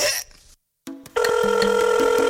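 A telephone rings loudly, a steady electronic tone with pulsing, repeating notes that starts after a brief silence and continues to the end.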